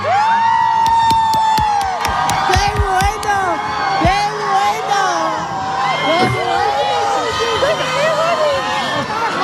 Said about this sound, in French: La preuve, hein, une foule enthousiaste et fidèle qui a attendu des heures et des heures pour le voir et se prendre en photo, en vidéo.